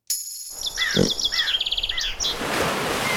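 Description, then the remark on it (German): Shrill, screaming trills of common swifts burst out in a rapid run of high calls for about two seconds, before fading into a steady airy rush of background noise. “Die Mauersegler. Die tummeln sich auch öfter mal hier vor dem Loro-Studio-Fenster”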